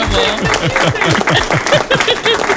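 A crowd applauds steadily with dense, bright clapping throughout, mixed with a few excited vocal whoops and cheers underneath.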